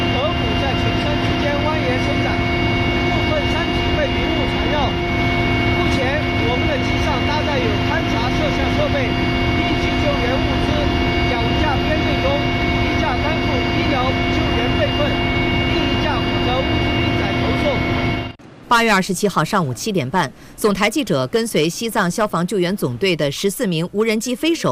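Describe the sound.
Loud, steady roar of a Tibet Military Region army aviation helicopter heard from inside the cabin, flying toward Gyirong Port over snowy mountains and canyons, a dense engine drone with a constant whining hum, continuing unbroken before giving way to a person talking near the end.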